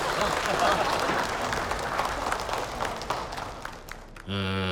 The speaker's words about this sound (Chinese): 好，接下来呢，有请我们准新人的父亲上台为我们说两句，掌声有请。